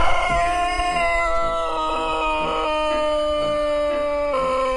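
Sanchak roosters from Serbia crow loudly in an open-air chicken area of a farm as a coop is opened, their drawn-out calls overlapping and shifting in pitch into a continuous chorus with no pause, and no voices heard.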